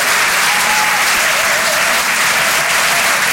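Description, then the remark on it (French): A comedy club audience applauds loudly and steadily for a comedian's first performance, live on the radio station Rire et Chanson Comedy Club: a dense wash of many hands clapping at once with no pauses and no voices standing out. “Merci d'applaudir très fort pour sa première ce soir sur une chanson de Comedy Club,”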